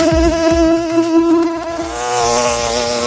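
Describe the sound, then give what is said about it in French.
A high, steady whining drone of a tiger mosquito buzzing, loud and continuous for the whole moment with slight wavering in pitch, no voices present. “Vous reconnaissez ce bruit, celui du moustique. Le moustique tigre qui est déjà là, le moustique tigre,”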